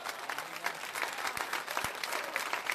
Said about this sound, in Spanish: Dale un aplauso al Señor en esta hora.